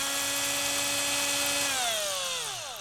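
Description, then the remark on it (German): A power drill whines steadily at high pitch while boring a hole in the middle of a drawn triangle, then its tone slides downward as the motor slows near the end. No talking. “Dazu bohren wir in der Mitte des Dreiecks ein Loch.”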